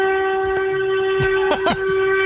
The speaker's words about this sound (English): That's a horn.